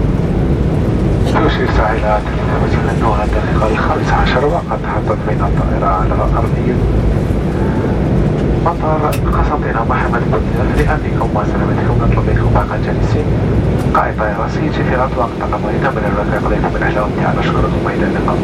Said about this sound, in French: Il est à présent 15h passées de 15 minutes et nous venons tous nous poser sur l'aérodrome de Constantin Mohamed Boudiev.